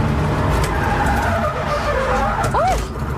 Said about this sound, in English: And after the first laps went reasonably well, and then they gave me some tips on how to make the second one even better, I get back in full of confidence, and then I spun out, and this is the moment that the spin out happened.